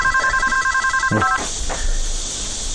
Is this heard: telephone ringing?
yes